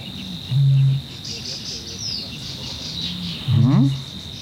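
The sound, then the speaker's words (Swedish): A soundscape at the bird lake Tåken with a steady insect-like whir where a water rail twice gives a low, grunting call, once early and once near the end, clear. “Nu kurrade inte i min mage, det var en vattenrall.”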